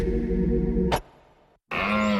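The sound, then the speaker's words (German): A deep, guttural stag bellow rings out loud, breaks off abruptly, and after a brief near-silence a second harsh roar starts up. “Der Hirsch rührt ist Jagdfinale bei Little John Bikes.”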